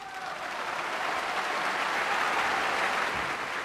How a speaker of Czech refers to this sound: Dále se dělají pauzy mezi jednotlivými skladbami hranými na koncertě, během nich se umělci klaní a publikum tleská.